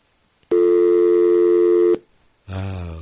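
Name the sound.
telephone line tone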